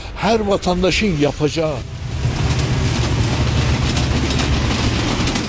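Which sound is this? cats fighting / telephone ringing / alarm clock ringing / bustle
bustle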